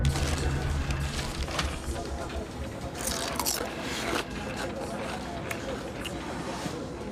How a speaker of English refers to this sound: I can hear you munching these from the other side of the office.